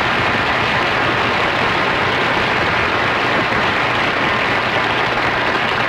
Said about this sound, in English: Now, wait a minute, Miss Russell. This is a restaurant. Who's applauding you? The waiters.